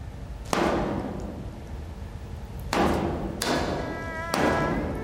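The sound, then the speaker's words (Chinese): Someone smashes a German generator with four heavy, irregularly spaced blows, each a loud crashing thud, the later strikes leaving a ringing metallic tone. No one speaks. “嘎子，你砸什么发电机啊？”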